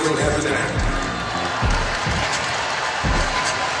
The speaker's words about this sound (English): Didn't quite get that, but I hear some cheers